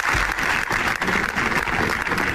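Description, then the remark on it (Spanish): Loud, sustained applause from a large crowd on the steps of the Diputación Provincial de Zaragoza in the morning, in memory of a firefighter and a worker who died in a workshop fire in Calatorao; dense steady clapping with a slightly open, reverberant outdoor feel. “Es el sonoro aplauso que ha resonado esta mañana en las escalinatas de la Diputación Provincial de Zaragoza en recuerdo del bombero y del trabajador fallecidos ayer en un aparatoso incendio de un taller mecánico de Calatorao.”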